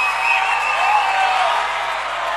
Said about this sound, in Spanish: ¡Un fuerte aplauso para Kea!